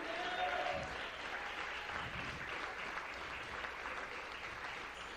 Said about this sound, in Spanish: Dale un aplauso al Rey. Gloria a Dios, dele palmas al Rey.